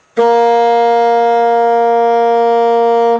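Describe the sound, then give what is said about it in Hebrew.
A saxophone sounds one unwavering note, its pitch set by the length of the instrument's tube, steady and bright with rich overtones, held at constant loudness for about three seconds before cutting off, with nothing else heard. “עד עכשיו הסקסופון שלנו מפיק רק צליל אחד, צליל שתלוי באורכו של הצינור.”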